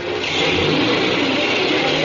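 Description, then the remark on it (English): A taxi cab's engine revs and pulls away, a loud, steady roar whose pitch climbs as it accelerates toward the end. No voices are heard. “I could hear the cops running down the stairs as I ran out through the door and jumped into a cab and got out of there.”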